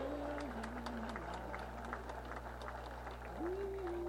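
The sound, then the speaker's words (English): A crowd of over 100 people at an event applauds everybody present steadily for about four seconds, many hands clapping in a dense, even patter. A low steady hum and a faint wavering tone sit underneath the clapping. “And can we just give a round of applause to everybody?”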